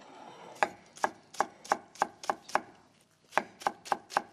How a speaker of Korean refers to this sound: 대파도 2분의 1. 예. 잘라주고 송송송.